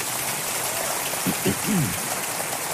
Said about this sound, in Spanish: Pueden darle un aplauso, Señor, que los veo muy serios.